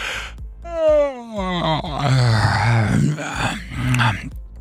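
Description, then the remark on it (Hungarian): Drawn-out yawning, a long breathy, groaning vocal sweep that rises then sinks, with a second yawn-like moan overlapping toward the end. “Na, drága hallgatóinknak, kíváncsiak vagyunk, hát ásítunk.”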